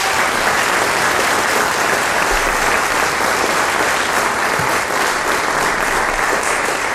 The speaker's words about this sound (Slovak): No a boli úžasní a sú úžasní. Jeden veľký potlesk ešte pre nich, prosím.